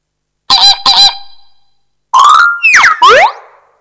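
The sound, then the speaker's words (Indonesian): Loud, nasal honking calls from a flamingo: two quick paired honks, a pause, then a longer burst of three or four harsh, rising and falling honks, with no talking. “F. Flamingo.”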